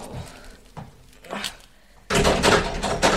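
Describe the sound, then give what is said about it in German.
A locked door is tried: a few separate clunks and jiggles of the handle, then a burst of loud, continuous rattling and shaking as it is pulled hard. “Ich will jedoch noch mal prüfen, ob die Tür wirklich zu ist.”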